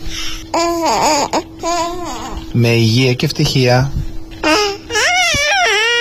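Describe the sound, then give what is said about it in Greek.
A voice imitating a baby, babbling New Year wishes in high-pitched, wavering baby talk, with cooing and whiny cry-like rises over several seconds and brief pauses between phrases. “πρέπει να στείλουμε κάτι ευχές, αλλά πρέπει να τα πεις και στα μουρουδίστικα, μήπως ακούει κάποιο μωρό.”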